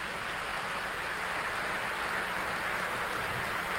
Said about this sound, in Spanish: Ustedes son los que invitaron a los demás, un aplauso para ustedes también, claro que sí.